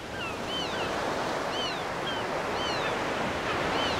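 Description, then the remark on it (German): Stormy Baltic Sea waves in an autumn storm at wind force 11 surge and crash continuously against the Baltic coast with foaming water, a loud, dense roar of surf with wind, while faint gull-like calls cry out intermittently above the noise. “Bei Windstärke 11 schäumt das Wasser. Wellen wühlen die Ostsee auf.”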